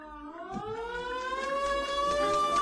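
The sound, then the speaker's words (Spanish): Sirens of an ambulance and a police patrol car speeding along an airport runway toward a just-arrived plane wail with a steadily rising pitch, growing slightly louder over a few seconds, heard clearly on their own with no voices. “El ulular de las sirenas anuncia la presencia de una ambulancia y una patrulla que avanzan a toda velocidad por la pista del aeropuerto hacia el avión recién llegado.”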